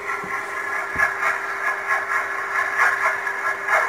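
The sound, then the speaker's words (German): Propeller noise of a surface steamer, a container ship, picked up by a sonar buoy as its screw beats into the water: a steady rushing hiss over a constant low hum, with soft thumping beats pulsing in a regular rhythm. No voices. “Das ist ein Überwasserdampfer, ein Containerschiff von dem.”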